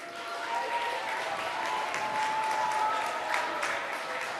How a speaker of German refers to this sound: Ein Applaus.